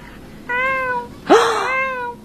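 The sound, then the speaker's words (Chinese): A person on a livestream imitates a little kitten with two soft, high, drawn-out meows, the second rising sharply before settling into a sustained tone; clear with no other sounds. “学小奶猫软呼呼叫，”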